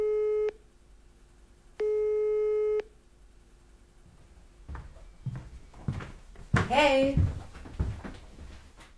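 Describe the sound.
A telephone line tone as someone calls a friend: two steady, buzzy beeps, the second about a second long, separated by a pause, then muffled voices and rustling noises take over.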